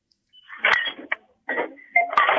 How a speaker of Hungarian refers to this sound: Pénztárgépek csörgését hallom. Ja, igen, itt vásárolni voltam.